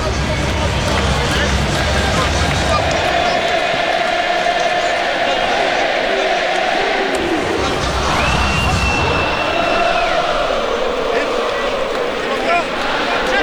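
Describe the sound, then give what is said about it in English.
A large rugby stadium crowd in Baltimore, about 90% South Africans, sings and cheers in full voice during a South Africa versus All Blacks match, a dense, steady roar with sustained chanted notes rising and falling over about thirteen seconds. “Baltimore crowd in full voice.”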